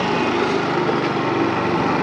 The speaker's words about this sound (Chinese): 您平时就是骑摩托车上山吗？ 每天骑摩托车嘛，骑回来前后骑回来，现在算我骑的这个是第七个。